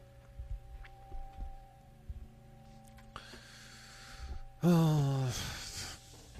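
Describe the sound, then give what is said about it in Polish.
Quiet breathy panting with soft rhythmic thumps, then a sudden loud voiced hiccup that drops in pitch, followed by more heavy breathing. “Kurde, czkam, sapie, co się dzieje w ogóle?”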